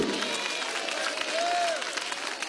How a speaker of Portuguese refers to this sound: Glória a Deus. Mais alegre aplausos para Cristo.